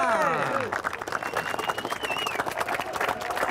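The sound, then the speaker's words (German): A crowd cheers and applauds at the Pfingstquack, an annual Pentecost procession in leaf costumes in Schmalenberg, with dense, steady clapping running throughout and excited voices whooping and shouting in sliding tones, loudest at the start and staying lively to the end. “Jubel!”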